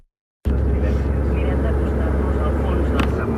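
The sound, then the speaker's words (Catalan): After a moment of silence, a steady, loud low rumble of road and engine noise fills the cabin of a moving car arriving in Vic, holding constant throughout. “En tot cas, ara estic al cotxe, estic arribant a Vic,”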